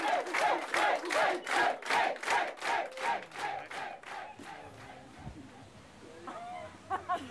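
A sauna crowd cheers after a German-style Show Aufguss steam sauna performance, in loud, rhythmic bursts, roughly three per second, like chanting in unison, then the energy fades into scattered murmuring and a few trailing shouts.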